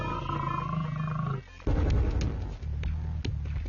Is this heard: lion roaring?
yes